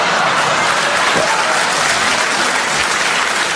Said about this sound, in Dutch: Maar klapt u er toch iedere keer doorheen hier in Hengelo?